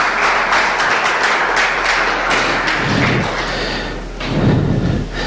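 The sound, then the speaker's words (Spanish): An audience applauds loudly in a steady, dense wash of clapping for several seconds, with a few dull thumps underneath and no voices. “Dale un fuerte aplauso, hermano, hermana.”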